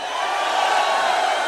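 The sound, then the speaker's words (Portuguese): A loud, dense wash of crowd noise, many voices shouting and cheering excitedly together in a sustained roar with no pauses, energetic throughout. “Tem que gritar com empolgação, pô!”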